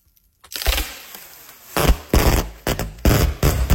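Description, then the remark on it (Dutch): Packing tape is pulled off its roll in a series of loud, harsh crackling rips, a long tearing stretch followed by several sharp bursts in quick succession, recorded with a phone held very close. “Het afrollen van verpakkingstape.”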